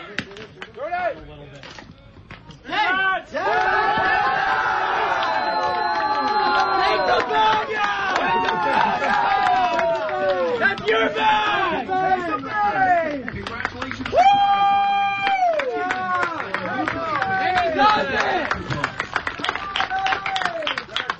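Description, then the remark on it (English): A big round of applause and cheering from teammates and fans in the Moose Jaw Miller Express dugout in Swift Current, after a player stole his 43rd base of the season, a new single-season record, with excited shouts and overlapping voices continuing steadily throughout. “Big round of applause from his teammates and some of the fans in attendance as well.”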